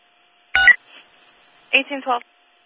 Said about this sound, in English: We're getting an alarm.